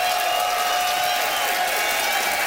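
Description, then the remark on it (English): A live audience applauds and cheers to vote for comedian Charlie Demers, in a steady, dense wash of clapping that holds at a constant level throughout, with whoops mixed into the crowd noise. “It is up to you to decide, audience, by applause, who thought that Charlie had style for rewalking the aisles.”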